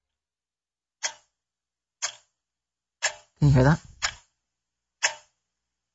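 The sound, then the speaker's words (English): Five sharp, evenly spaced clicks, one per second, made by a person as a sound effect imitating a ticking clock, with a brief spoken question slipped in between the third and fourth ticks. “Is that a ticking clock? That's me trying to do my own sound effects.”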